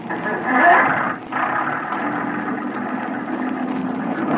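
A motor boat engine is started at night with poor visibility: it roars up in a brief surge, dips for a moment, then settles into a steady, loud, rumbling idle that continues to the end.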